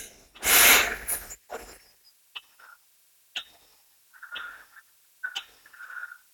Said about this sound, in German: Wir können sagen, ich habe einen Vorschlag, wir atmen gemeinsam. 4 Sekunden ein.